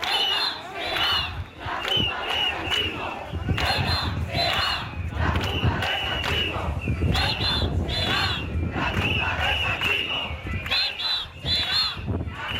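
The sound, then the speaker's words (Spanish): A large protest crowd in Ceuta, marching toward Tarajal, shouts slogans in unison such as "Ceuta será la tumba del sanchismo", loud rhythmic bursts of massed voices rising and falling without pause over a steady roar for the whole stretch. “Bueno, pues gritos como Ceuta será la tumba del sanchismo con estas resonancias históricas.”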